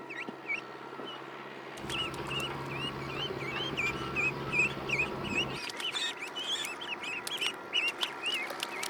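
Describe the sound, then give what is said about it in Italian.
Young ducks peep continuously in high, rapid chirps, a busy overlapping chorus, as they search for food in a rice paddy that is being flooded, with a steady low rumble underneath for part of the time and no talking. “Le giovani anatre non hanno bisogno di esempio o insegnanti per mettersi subito a cercare il cibo nella risaia in via di allagamento.”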